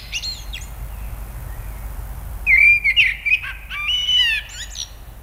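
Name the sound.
eurasian blackbird singing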